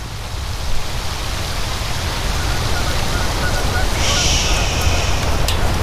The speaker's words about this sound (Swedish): Året är 2004 och på Nälstabadet har personalen gått hem för länge sedan. Regnet öser ner i den upplysta utomhuspoolen